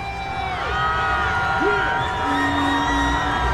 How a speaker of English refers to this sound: The crowd erupts as members of the team start going by on floats.